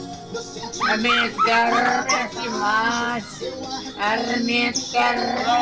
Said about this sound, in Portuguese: Você é um papagaio cantando?